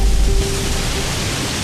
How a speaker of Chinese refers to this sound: 哇，这风！